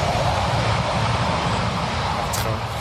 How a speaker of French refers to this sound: On pourra garder le train parce qu'il faut savoir qu'il y a des trains qui passent très régulièrement juste à côté du camp. Ils sont vraiment juste proches. À côté.